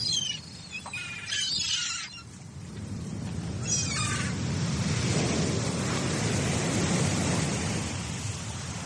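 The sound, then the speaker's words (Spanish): Giant Atlantic Ocean waves crash on a northern beach in a loud, continuous roar of wind and sea that swells and deepens midway, with a few high-pitched calls cutting through early on. “El sonido de las olas gigantes rompiendo en la playa del norte.”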